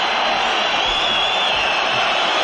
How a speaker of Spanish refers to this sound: El público está en pie silbando, protestando, pidiendo la expulsión de Carlos Romero. Así suena el sardinero.